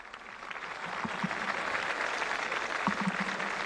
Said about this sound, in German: Es lebe der Papst, ruft die jubelnde Menge.